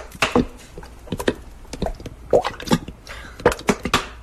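Peppers are poured into a big saucepan in a scattered run of light, hard clatters and taps, fairly loud, with no one speaking.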